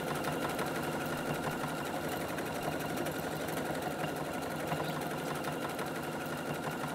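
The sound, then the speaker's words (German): A sewing machine runs without pause, its rapid, even stitching chatter forming a steady mechanical whir at constant loudness throughout, with no voices. “Schnurrt sie wieder, ne?”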